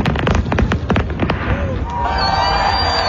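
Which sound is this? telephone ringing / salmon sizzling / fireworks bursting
fireworks bursting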